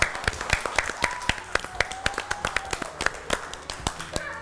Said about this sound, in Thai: การเล่นของเด็กถูกต้องเลยค่ะเก่งมากครับปรบมือให้ตัวเองด้วยค่ะ